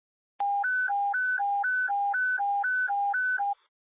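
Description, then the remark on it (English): A Rochester Fire radio dispatch alert tone: two steady electronic pitches alternating low-high in an even rhythm, about six cycles over three seconds, loud and clean with no voices, then it stops abruptly. “You can ignore the tone.”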